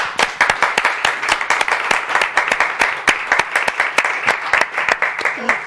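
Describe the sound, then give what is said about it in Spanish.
An audience breaks into applause, a dense, loud wash of many hands clapping at an irregular patter, holding steady for several seconds with a few sharper claps standing out. “Un aplauso, hombre.”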